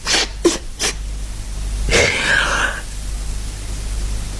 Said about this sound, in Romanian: Mi-a trecut acum. Dar îmi suflu nasul și gata.